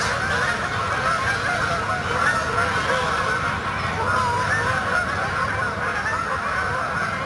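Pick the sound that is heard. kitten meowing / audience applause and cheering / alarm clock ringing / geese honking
geese honking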